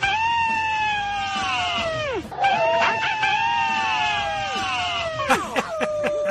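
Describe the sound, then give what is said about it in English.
A group of people howl together, several voices overlapping in long sustained cries that waver and slide downward in pitch, ending in a few short, sharp yelps. “I think that's some of the best collections of howls we have to date.”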